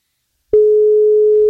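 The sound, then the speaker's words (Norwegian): A single steady telephone ringing tone, the ringback heard when placing a call, sounds clearly for about one second as a flat, pure hum after a moment of silence, with no voices, as Norwegian radio station NFM calls a contest participant. “på NFM som ringer deg”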